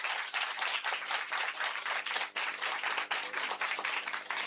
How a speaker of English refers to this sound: A round of applause.